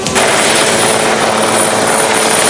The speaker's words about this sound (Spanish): Mientras el presidente Sánchez llegaba en helicóptero, algunos vecinos del enclave español, que en las últimas horas se vio invadido por una crisis migratoria, se concentraron para protestar contra el mandatario.